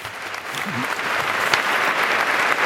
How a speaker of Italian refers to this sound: E sentiamo gli applausi dopo quello che è stato l'indirizzo di saluto del cardinale arcivescovo di Barcellona, Omella, che in questo momento ha stretto la mano al Papa, che si è alzato e ora si è rimesso a sedere.